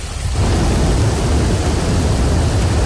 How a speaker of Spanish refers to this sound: El sonido del río Nacimiento bajando con un intenso caudal de agua desde Fiñana.